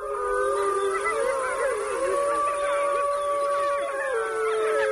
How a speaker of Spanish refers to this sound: y estaban allí, mira, el lobo manda callar.